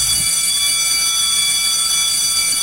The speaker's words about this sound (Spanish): ¡Ya dieron el timbre!